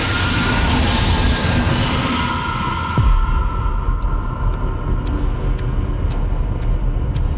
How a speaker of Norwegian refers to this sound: Togføreren nøler ikke et sekund. Han trykker ned bremsen alt han klarer. Og samtidig så hører han at togføreren på det andre toget bremser.